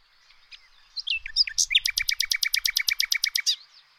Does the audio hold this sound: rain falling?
no